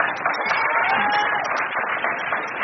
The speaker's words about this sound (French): Oui, c'est le nom de votre hameau. Ouais. Ça s'applaudit aussi, oui.